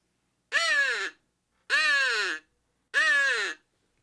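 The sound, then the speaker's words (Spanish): Three harsh, raspy crow caws ring out one after another at an even pace, each loud, with brief silence between them. “El graznar como un cuervo.”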